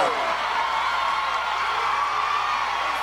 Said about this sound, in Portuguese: Eu queria uma salva de palmas, por favor.